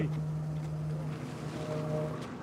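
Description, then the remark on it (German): Steady wind blowing outdoors, a loud continuous rush with low rumbling gusts, mixed with a droning engine-like hum throughout; no one speaks. “Kommen wir wieder her, weil der Wind ein bisschen blöd ist.”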